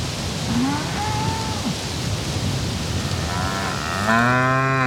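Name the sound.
cows mooing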